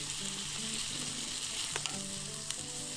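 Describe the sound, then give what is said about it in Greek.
Steady, loud sizzling of skioufichta pasta cooking in a pan with broth, with a bright hiss throughout, while a utensil stirs it for a minute or two, giving a couple of sharp clicks and soft low scraping sounds. “Ανακατεύουμε για 1-2 λεπτά.”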